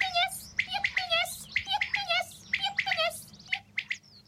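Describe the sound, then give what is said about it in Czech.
A common quail calling from the fields, a quick series of short, bright chirping notes repeated in close succession, clear over a faint low background rumble. “Rozběhneme se a hned jsme v polích. Tam nás křepelka upozorňuje, že spoří.”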